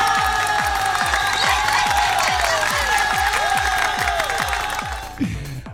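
Loud crowd applause and cheering, dense and steady, over a regular thumping low beat with bright sustained tones on top. It runs for about five seconds, then drops away abruptly.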